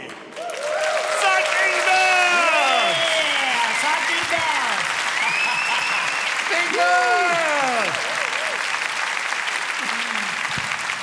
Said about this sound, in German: So muss das sein. Alle machen mit, alle klatschen mit und alle tanzen mit.